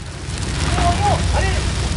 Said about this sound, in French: Les flammes crépitaient autour d'elle.